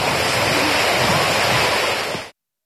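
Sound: sea waves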